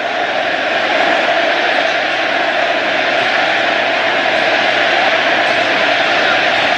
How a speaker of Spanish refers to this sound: Infantino lo aplaude, el argentino lo ovaciona. Te amamos, Lionel. Te amamos, Lionel. Te amamos, Messi. Te amamos.